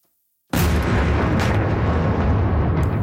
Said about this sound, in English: The explosions in the Ukrainian capital stopped for a few days while U.S. Special Envoys Steve Witkoff and Jared Kushner were there.